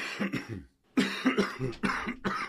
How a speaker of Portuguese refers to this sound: Quando uma tosse não passa, ela merece atenção.